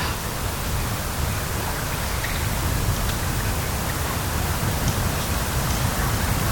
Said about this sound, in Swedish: Så hör man ju det här lite försiktiga ljudet av havet som spelar in mot stenarna.